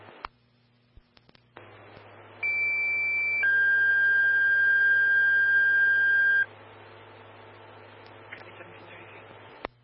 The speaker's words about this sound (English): stand by 4 tones on an alarm.